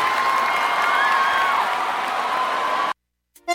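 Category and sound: crowd, audience applause and cheering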